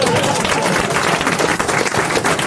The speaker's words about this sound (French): C'était Valérie Mérès, mesdames, messieurs, on peut l'applaudir.